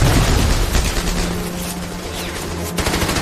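Loud, sustained fire from German machine guns concealed in a hillside rattles in rapid bursts, the shots blurring into a dense, continuous clatter with heavy low rumble underneath and no voices.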